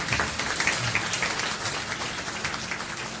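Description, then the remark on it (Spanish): An audience applauds the King of Kings steadily, a dense, continuous wash of many hands clapping at an even level throughout, with no voices rising above it. “Denle un aplauso al Rey de Reyes, no se mueve.”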